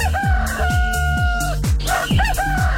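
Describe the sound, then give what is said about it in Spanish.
A rooster lets out one long, loud cock-a-doodle-doo, its call rising and falling over a steady, rhythmic low thumping in the background. “es más, hoy, por el desorden, te llevaste hasta el gallo.”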